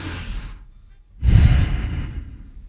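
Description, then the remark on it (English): Two heavy, breathy exhales blown right into the microphone, the second louder and rougher with a low rumble, separated by a brief pause. “Like, who's breathing like that? Hell, I want you to breathe, just not on the mic.”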